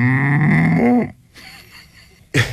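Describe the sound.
A man imitates a cow mooing with one loud, drawn-out low moo that slides downward at the end, followed by a quiet stretch and a short burst of noise.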